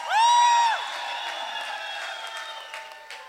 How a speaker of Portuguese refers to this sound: E vocês não sabem, mas ali o homem das teclas é um homem da terra. Uma grande salva de palmas para ele também.